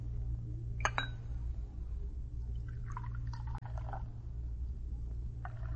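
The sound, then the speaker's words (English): A cup clinks twice, then coffee trickles from the brass spigot of a coffee urn into cups in a few short, splashy pours over a steady low hum. No one speaks. “Just turn that brass spigot on the urn.”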